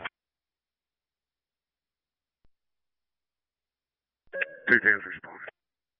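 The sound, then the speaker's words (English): After a long stretch of near silence, a short burst of steady electronic fire dispatch alert tones for Station 4 comes over a radio, mixed with a brief garbled voice, then cuts off abruptly. “Station 4, we got tones, no audio.”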